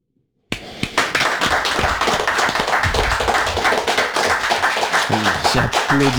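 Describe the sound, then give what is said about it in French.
Loud hand clapping begins abruptly and continues as a dense, steady burst, mixed with sharp thumps as the speaker's hands knock against his microphone while he applauds; a voice briefly surfaces near the end. “J'applaudis et j'en tape mon micro.”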